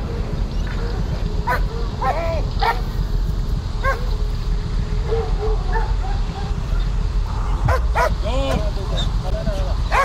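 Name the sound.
dog barking and yipping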